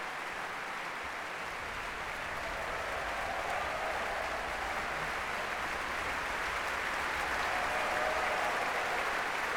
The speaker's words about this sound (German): Dieser Jubel, der gilt gerade den Schlagzeugern, die gemeinsam aufgestanden sind, hinten im Orchester.